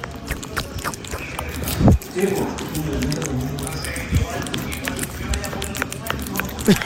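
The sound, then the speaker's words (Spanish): A cat licking in an ASMR video: a steady patter of soft, wet clicks and smacks repeating quickly, with a few louder low thumps and faint murmuring voices underneath. “Está langueteando ahí.”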